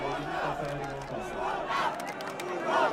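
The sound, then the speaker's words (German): A large crowd of football fans at a public viewing in Hannover roars and shouts in rising swells, a dense wall of many voices cheering together, loud, with a few sharp claps or bangs near the end. They are cheering Denis Undaf being brought on as a substitute in the second half. “In Hannover löst die Einwechslung von Denis Undaf den größten Jubel in der zweiten Halbzeit aus.”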